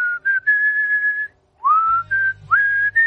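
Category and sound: whistled melody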